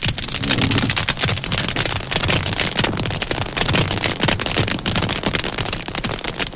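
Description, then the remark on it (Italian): A colony of crustaceans, each about two centimetres long with one claw larger than the other, snapping that larger claw, makes a loud, dense, unbroken crackle, countless sharp clicks piling into a steady sizzling roar with no voices. “In una normale colonia, i ticchettii si assommano a formare un frastuono assordante e continuo.”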